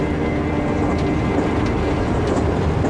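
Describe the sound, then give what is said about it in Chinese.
A steady, loud rumble of a moving train fills the whole stretch, with faint clacks of wheels on the rails now and then. No one speaks. “昨天还在排长会，今天就在火车上，像做梦一样。”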